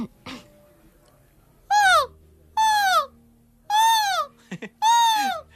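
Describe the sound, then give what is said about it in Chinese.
A voice imitates a wild goose's alarm call: four loud, nasal honks, each rising then falling in pitch, spaced about a second apart, with a couple of short clicks between the last two. “这是大雁预警，再上点难度。”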